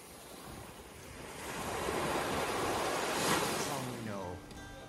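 Pacific Ocean surf washes in steadily, swelling to a loud, hissing crest midway before easing back, with a faint rush of wind and a brief, indistinct murmur near the end.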